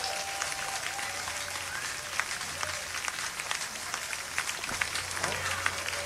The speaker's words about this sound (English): You are tuned in to the Blues Witness. Keep clapping, folks. Let people around the world know the world's greatest audience is right here.